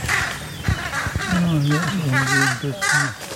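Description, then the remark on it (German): A raven gives a run of loud, harsh croaking alarm calls, rising and falling in quick succession, with a few brief rushing bursts of wing flapping early on. “Jetzt hat man sogar das Flügelschlagen gehört, oder?”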